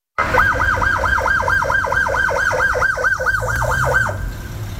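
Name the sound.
ambulance siren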